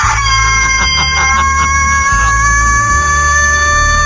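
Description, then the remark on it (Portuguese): A rooster called Galo Velho or Godofredo crows loudly at 6:47 on Aventura radio, one long drawn-out call with a strained, wavering tone, over a steady low background rumble. “A alma do ceboso chega a sair do corpo quando esse galo canta.”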